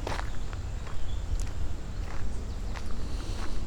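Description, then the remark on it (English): Footsteps walk outdoors at a steady, brisk pace, each crunchy step distinct over a constant low rumble of wind buffeting the microphone; the walker is going a little faster, creating apparent wind. No one speaks. “All right, I've got some apparent wind because I'm walking a little bit faster.”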